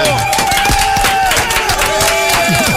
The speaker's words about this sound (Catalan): Fem un bon aplaudiment. Bravo!